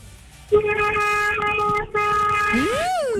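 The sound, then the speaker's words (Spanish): A car horn honked by a caller during a phone call to Tropicana radio blares in a long, loud blast, breaks briefly, then sounds again, its pitch bending up and down at the end. Nobody speaks over it. “Le está tocando el pito. Ay, gracias por ese pitazo.”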